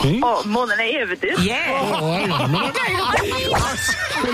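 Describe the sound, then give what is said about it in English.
A horse whinnies loudly, a long wavering neigh that rises and falls in pitch for several seconds with a shrill, quavering edge. “Yeah, and how much more joy do those horses give you?”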